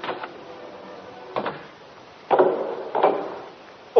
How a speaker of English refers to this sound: Oh, excuse me. I'll just go and answer the door.